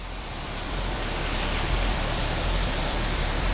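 waterfall spraying water

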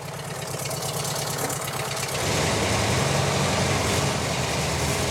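engine running roughly

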